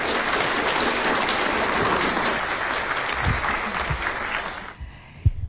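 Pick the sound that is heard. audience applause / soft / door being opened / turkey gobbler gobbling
audience applause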